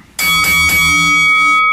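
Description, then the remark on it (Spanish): A loud bell is struck about three times in quick succession to announce a song duel on a radio show, its bright metallic tone ringing on for over a second before cutting off. No one speaks. “Es el momento para tocar la campana.”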